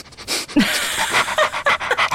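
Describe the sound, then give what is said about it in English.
A former DEA drug-sniffing dog pants in quick, breathy bursts, a run of rapid airy huffs with a brief whine-like squeak in the middle, fairly loud and with no talking. “Well, it's a former DEA drug sniffing dog.”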